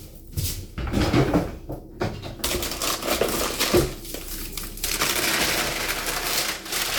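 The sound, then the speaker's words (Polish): A sheet of baking paper is torn off and crinkled to line a greased baking dish for bread, giving a long stretch of dry, rustling crackles with sharper bursts and a few knocks mixed in. “Teraz wyjmujemy arkusz papieru do pieczenia.”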